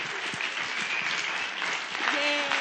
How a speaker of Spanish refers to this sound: Pero como aquí estamos ya rompiendo la cuarta pared radiofónica, todos vamos a participar con un aplauso para también nuestro compañero